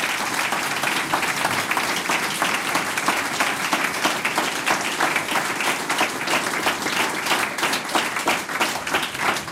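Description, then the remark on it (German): A large audience applauds a harmonica contestant on a show, a dense, sustained wash of many hands clapping steadily throughout, with no pauses or voices standing out. “Das ist dein Applaus,”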